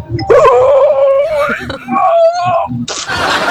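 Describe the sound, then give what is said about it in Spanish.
A woman gives a long, drawn-out voiced yawn while stretching, with a wavering, whining pitch, sliding down and rising again over a few seconds, then ending in a breathy exhale. “Yo, la mujer, queremos escuchar bostezar a la mujer, a ver.”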